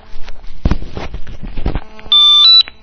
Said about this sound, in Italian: Oh, abbiamo una telefonata che interrompe il concerto.